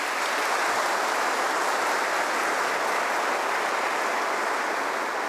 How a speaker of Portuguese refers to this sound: Obrigado, uma salva de palmas.